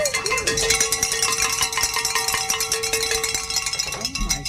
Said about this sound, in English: Is the cowbell too much?